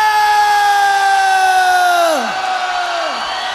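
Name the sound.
crowd shouting together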